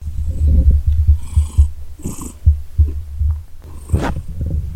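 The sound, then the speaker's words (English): A male cat purring in a bedroom, a steady low rumbling throb with a pulsing rhythm, broken by a few brief rustling and handling noises. “I'm trying to get Debo to purr.”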